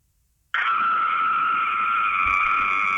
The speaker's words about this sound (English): It's a good scream. You're definitely a mum.